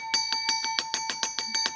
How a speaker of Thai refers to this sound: แหมกระดิ่งดังดีเหลือเกินนะคะอาจารย ์มันคึกคักอาจารย์ คึกคักมากเลย เสียงกระดิ่งกระดึ่งเนี่ยมัน